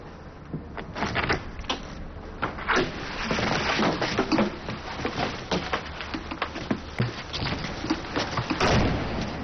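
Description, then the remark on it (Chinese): Yu Zecheng opens the door at home after a knock and finds Shopkeeper Qiu: a stretch of busy rattling and clattering, moderately loud, lasting several seconds with scattered sharp knocks and thuds and no one speaking. “他打开门一看，原来是邱掌柜的。”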